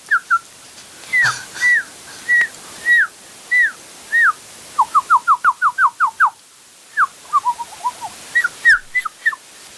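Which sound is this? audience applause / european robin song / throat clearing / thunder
european robin song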